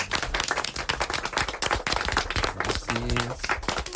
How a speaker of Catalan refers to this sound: Anem a fer un aplaudiment, va.